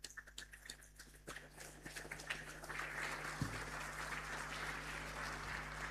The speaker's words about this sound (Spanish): Y más fuerte el aplauso a todos nuestros niños y jóvenes.